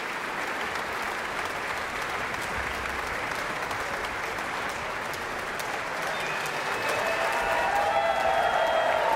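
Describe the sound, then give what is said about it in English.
A large audience at a Philadelphia Orchestra concert applauds steadily after a concerto with dense, continuous clapping, and whistles and cheers for the percussion section featured in its fourth movement rise over it toward the end, growing slightly louder. “And that cheer was for the percussion section featured in the fourth movement of the concerto.”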